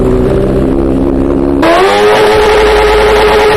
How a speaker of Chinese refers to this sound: 随后，民警请来了海淀区环境监测站的工作人员， 我们拿着专业的分贝测试仪，咱们现在测试一下这辆车，就这辆改装过的摩托车，啊，它这排气管在咱们点火拧油门的情况下能达到多少分贝？